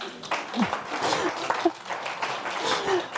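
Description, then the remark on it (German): Sustained applause from an audience at a live radio show, following a frog sound, a dense wash of many hands clapping at steady volume, with a few brief voices and cheers rising out of the crowd. “Noch mein Applaus für deinen Frosch.”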